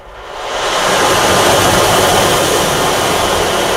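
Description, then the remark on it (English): An instrument emulating the sound of rain gives a steady, dense hiss that swells up over the first second, then holds at an even, fairly loud level with no voices. “Can we hear the one that sounds like water? So you can emulate the sound of rain, or you can take it to the sound of the ocean and do waves as well.”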